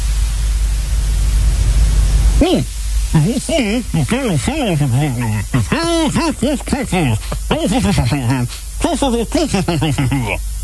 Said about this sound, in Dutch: ik heb hier zo'n apparaat staan. Het zou dus al het geluid wat je niet wil horen wegfilteren. Hè? En dat dus vervangen door ruis. Ja, nee, maar echt alles. Alles waar je een hekel aan hebt, dat haalt hij weg. Ben benieuwd. Wacht, ik zet hem even aan.